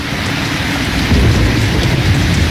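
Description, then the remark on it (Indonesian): Heavy rain pours down in Jogja (Yogyakarta), Indonesia, in a steady, dense wash of noise, loud, with a low rumbling undertone throughout and no voices. “Suara ini hujan begitu deras.”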